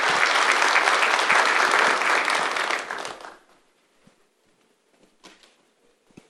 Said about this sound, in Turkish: Efendim şimdi günün anısına hediyelerini takdim etmek üzere Milli Güvenlik Kurulu Genel Sekreteri Vali Sayın Okay Memiş'i bir kez daha alkışlarımızla sahneye davet ediyoruz. Buyursunlar lütfen.